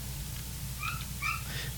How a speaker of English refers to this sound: Oh, yeah. I did hear that little yap yap. There you go.